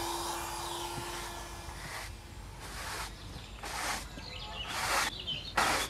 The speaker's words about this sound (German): Mitten im Wald geht nichts ohne Staubsauger.